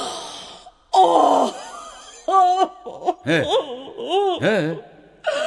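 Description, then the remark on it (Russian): A woman cries, breathy sobs breaking into a string of wavering, high whimpering wails with short gasps between them, fairly loud and without any speech. “Ты плачешь?”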